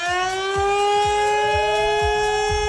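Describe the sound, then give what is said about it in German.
A civil defense warning siren test sounding at 11 o'clock: a loud, sustained wailing tone that slowly rises in pitch, with strong harmonics and a steady pulsing low rumble beneath, no voices. “Da kann einmal kurz anders werden, wenn es nachher um Punkt 11 Uhr so klingt.”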